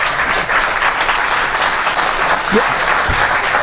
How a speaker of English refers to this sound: That applause took a minute. Some of them are like, no way, no way.